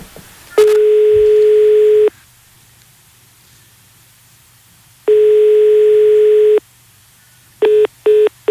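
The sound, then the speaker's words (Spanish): Two long, steady telephone ringback tones with a long silent pause between them, followed by a quick series of short beeps as the call is cut off. No voices. “A ver, espera, que estoy llamando.”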